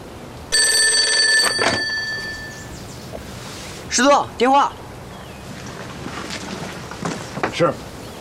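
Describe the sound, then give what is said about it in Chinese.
A telephone bell rings for the division commander in one loud, sustained metallic burst lasting about a second, then stops; afterward brief bursts of a man's voice break through low background noise. “师座，电话。”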